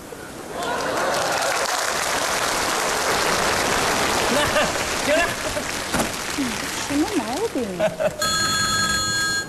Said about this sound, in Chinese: 哎，你别误会啊，俺老婆不接，只要俺家的电话响三声，俺老婆就知道我在外边平安了。俺老婆神经衰弱，她要是听不见这三声电话，